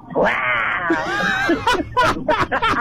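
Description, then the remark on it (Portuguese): A voice imitates a tiger's roar with a drawn-out, high-pitched, wavering cry lasting over a second, followed by several short, choppy vocal bursts. “E como é que faz o tigre?”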